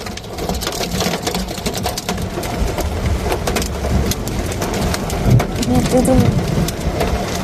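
Hailstones pelting a car's body and windshield in Bangkok: a dense, continuous clatter of hard impacts drumming on metal and glass, loud with sharp irregular hits over a steady roar of precipitation.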